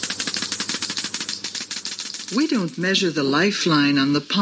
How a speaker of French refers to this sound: Elle le fait au moyen d'un compteur GGR. It's done with a Geiger counter.